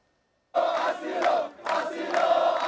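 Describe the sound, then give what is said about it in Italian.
Migrants protesting on El Trampolín beach in Ceuta chant loudly in chorus, demanding the right to asylum and refusing to return to Morocco, many voices shouting together in rhythmic phrases. After a moment of silence the chant bursts in, dips briefly, then surges again. “Vogliono il diritto d'asilo, ripetono in coro, non torneranno in Marocco.”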